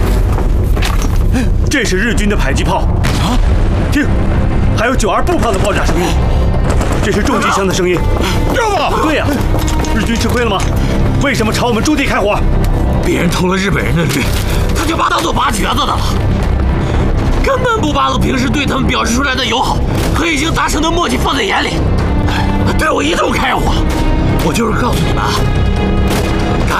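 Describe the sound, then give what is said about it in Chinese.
Japanese army mortar shells and Type 92 infantry gun rounds burst in a steady barrage of heavy booms, some louder, others softer, along with heavy machine-gun fire, while people talk over the continuous rumble of explosions. “这是日军的迫击炮，啊！听，还有九二步炮的爆炸声音，这是重机枪的声音。”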